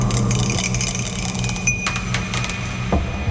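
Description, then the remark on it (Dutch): A die is rolled and clatters across a hard surface, a quick run of irregular clicking taps that settles after a few seconds on a five, over a steady low hum with no voices. “Maar ja goed, we hebben geen zeggenschap over de dobbelsteen natuurlijk. We gaan even kijken wat het wordt vandaag.”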